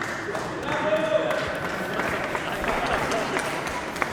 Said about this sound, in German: Okay, erst kurz ein Applaus